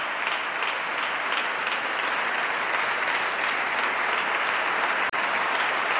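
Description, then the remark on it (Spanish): A large standing audience at a festival applauds a composer steadily, a dense, even roar of many hands clapping at once that holds at the same loudness throughout, with no voices standing out. “Martina Batic aplaude emocionadamente al compositor. El público en pie.”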